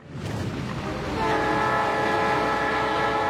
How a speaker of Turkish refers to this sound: Shandy Hurricane Turn yolcu trenini yakalamaya çalışacak. Kış döneminde ayda bir kez Anchorage ile Hurricane arasında yolcu taşıyor. Bu Amerika'da sezonluk olarak faaliyete geçen son demir yolu hattı.